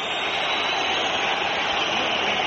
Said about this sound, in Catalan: Xiulets del públic local, l'àrbitre que marxa camí de vestidors, també els jugadors, empat a 0 Metropolitano, s'acaba la primera part del derbi madrileny